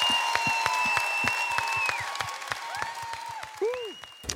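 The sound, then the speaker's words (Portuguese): An audience claps in a steady, even rhythm for a song performed by several artists, sharp claps falling several times a second. Sustained high tones and a few gliding, whistle-like notes ring over the beat. “Até palmas, mãe querida, esta bonita música com vários artistas.”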